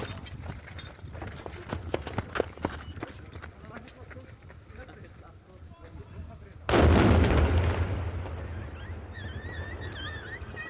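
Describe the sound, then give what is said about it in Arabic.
A controlled detonation by authorities of a war-remnant explosive device found in a garbage container in Harat al-Tul, Sahnaya, Rif Dimashq, Syria. After several seconds of scattered clicks and outdoor background noise, a loud deep boom erupts suddenly, rolling and fading slowly while faint bird chirps continue afterward. “أفاد مراسل تلفزيون سوريا بوقوع انفجار في مدينة صحنايا بمحافظة ريف دمشق، وأوضح مصدر أمني أن الانفجار في صحنايا ناتج عن تفجير الجهات المختصة لمخلفات حرب كانت في المنطقة.”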